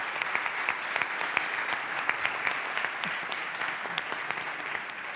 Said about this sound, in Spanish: Es alumnado que viene de cuatro municipios distintos de la provincia de Huelva, de Calañas, de Nerva, de Valverde y de La Rábida. Un aplauso otra vez, este es para vosotros.